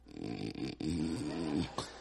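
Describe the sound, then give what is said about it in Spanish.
A man's voice imitates loud, rumbling snoring like a revving truck engine, a continuous guttural growl for about two seconds with a brief catch partway through and a short snort at the end. “No es que el hombre esté roncando. Él sueña que es camión.”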